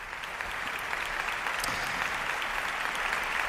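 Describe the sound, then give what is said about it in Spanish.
Sustained applause from an opera audience for tenor Aquiles Machado and conductor Miquel Ortega, opening an opera and zarzuela gala at the Teatro Monumental in Madrid. A dense, steady patter of many hands clapping at an even loudness throughout, with no voices standing out. “Aplausos ahora mismo para Aquiles Machado y para el maestro Miquel Ortega, para iniciar esta gala de ópera y zarzuela desde el Teatro Monumental de Madrid.”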